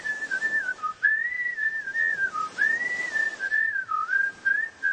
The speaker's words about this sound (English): What is that? They're whistling for cheetahs. Can you see them?